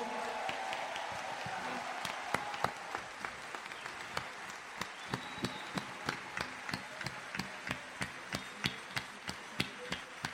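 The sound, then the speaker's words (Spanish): A Catholic charismatic audience in Colombia applauds the Lord steadily, a dense wash of clapping that settles into sharp, evenly spaced claps in a steady rhythm, moderately loud and without any talking. “Vamos a darle un aplauso grande al Señor.”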